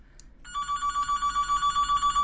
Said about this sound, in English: Okay. Now the weird phone is calling.